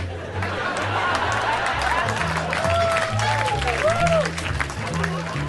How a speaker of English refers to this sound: Some of those responses, some of those laughs and claps I used for other jokes that didn't work. I will make it seem as though you fuckers laughed at unfunny shit.